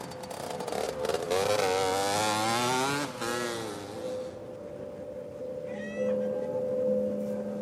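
A moped engine revs loudly, its whining pitch climbing and dipping in waves for a few seconds before settling into a steadier, droning idle.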